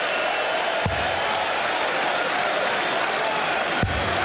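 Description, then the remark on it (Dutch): A large darts crowd roars and applauds steadily in a dense, continuous wash of cheering as it celebrates a won leg, with a couple of sharp thuds cutting through and no voices speaking. “Dat je dan zo lang ook met het publiek dat ene lekje aan het vieren bent.”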